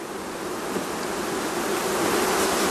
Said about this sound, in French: Le bourdonnement des abeilles, c'est sans doute la musique préférée d'Ivana Tolsek. Apiculteur depuis 53 ans dans l'ouest de la Slovénie, il possède plus de 250 ruches.